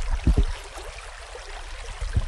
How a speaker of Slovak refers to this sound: A môže sa vám prihovoriť aj rieka Ipeľ, neviem, či ju teraz počujete.